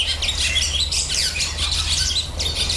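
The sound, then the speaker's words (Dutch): Barn swallows twitter and chatter continuously, a busy stream of high, scratchy chirps, with a steady low hum underneath and no voices. “Nou, dit is de boerenzwaluw.”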